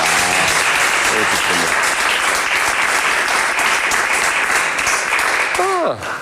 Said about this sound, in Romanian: Dacă știam că așa se aplaudă, mai ziceam de astea bunică.